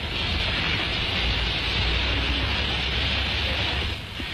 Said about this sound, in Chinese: 在机车放出的蒸汽掩护下，同志们跳下机车就钻到弹药列车下面去了。